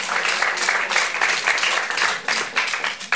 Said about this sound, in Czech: No ne, nejsi sama, potlesk to stvrzuje.